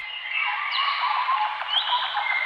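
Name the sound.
birdsong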